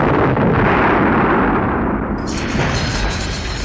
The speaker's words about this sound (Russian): Новиков и Ремешков упали рядом около какого-то подъезда. Дважды резко, сильно подкинуло их на земле взрывной волной.